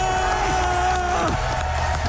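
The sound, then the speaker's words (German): A crowd cheers loudly and steadily for about two seconds at the Games Done Quick speedrunning event at Gamescom in Cologne, a dense roar of voices with a sustained tonal whoop that swoops downward partway through. “Hört mal, wie das Publikum da abgeht.”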